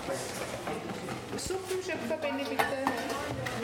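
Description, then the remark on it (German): A school class cooking Palatschinken and salad with cheese dumplings in a busy, noisy kitchen, with many overlapping voices chattering and the clatter of dishes and utensils, dense and continuous throughout. “Wir gehen jetzt rein und schauen, wie die kochen, die sind voll laut. Meine Klasse kocht gerade.”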